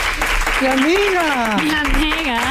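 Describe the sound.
Steady, dense applause welcoming a guest onto a show fills the whole stretch, with a voice rising and falling over it in a drawn-out, sing-song call.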